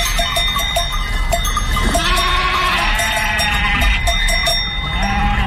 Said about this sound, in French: Les brebis et les moutons bêlent tant et plus comme pour les remercier de leur sollicitude.